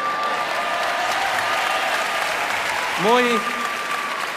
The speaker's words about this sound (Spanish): Bueno, es fantástico escuchar esos aplausos que piden la última. Muy bien.